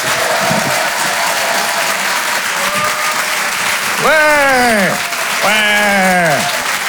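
An audience at Le Rire et Chanson Comedy Club claps loudly and steadily throughout as a comedian is called to the stage, dense and continuous, with two rising-and-falling whoops cutting through the applause near the end.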